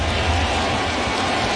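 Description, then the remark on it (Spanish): A baseball stadium crowd, rising to its feet with two strikes on the batter, claps steadily, a dense, even wash of many hands with no clear individual beats and no voices, holding at a constant moderate loudness throughout. “Empiezan a batir palmas.”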